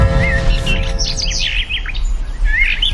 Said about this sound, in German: Irgendwann, vor unzähligen Jahren, hat ein Mensch einem Vogel beim Singen zugehört.